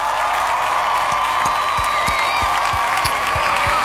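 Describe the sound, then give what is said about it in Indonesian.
A crowd applauds steadily in a dense, continuous wash of clapping, with some sharper individual claps standing out every so often, loud and even throughout. “Keren banget, kasih tepuk tangan dulu, ah luar biasa.”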